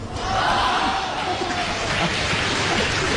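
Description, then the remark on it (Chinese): Sustained audience applause fills the whole stretch after a performer recites a long Chinese tongue twister in one breath, a dense, steady patter of many hands clapping at once, fairly loud, with a faint murmur of crowd noise underneath. “别鼓掌了。”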